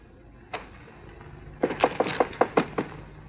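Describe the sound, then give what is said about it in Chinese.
A single knock on a door, a brief pause, then a quick run of about eight firm, evenly spaced raps. No voices, just a low steady background hum. “我跟你说过多少次了，进来以前先要敲门。”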